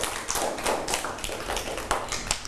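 A group of children clapping their hands, a steady patter of sharp, uneven claps with a few louder slaps standing out, lasting throughout with no voices.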